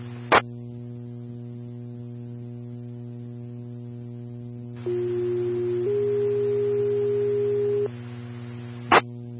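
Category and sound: signal or alarm, dispatch alert tones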